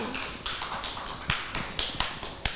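A group of children clap their hands in a loose, uneven patter, with sharp slaps landing irregularly over a couple of seconds. Several claps stand out louder against a steady wash of smaller claps.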